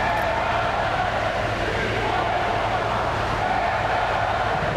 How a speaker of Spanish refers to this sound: Como en años anteriores, se han escuchado abucheos e insultos a la llegada del presidente.